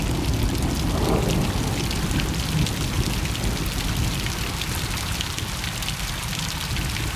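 Steady rain patters continuously, heard from indoors, with dense, fine drops tapping against a window and a low rumbling wash underneath; no voices.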